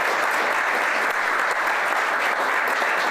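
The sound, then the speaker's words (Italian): Steady, dense applause from an audience, many hands clapping at once in a continuous wash of sound that holds at an even level throughout. “Un applauso per loro, davvero.”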